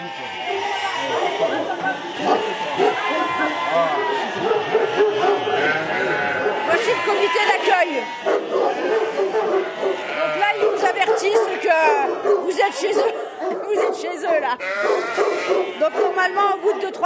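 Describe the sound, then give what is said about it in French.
Several dogs bark continuously in an overlapping chorus, loud, with a billy goat's bleating cries mixed in among the barks throughout. “Le bouc, il se prend pour un chien. Parce qu'il a été élevé par les chiens.”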